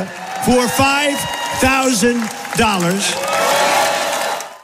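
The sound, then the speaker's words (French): A crowd cheers Donald Trump's promise of a $5,000 dividend to every adult US citizen: loud voices shout and cheer in rising, wavering bursts, then a steady wash of crowd noise and clapping fills the last couple of seconds. “Forcément, la foule exulte.”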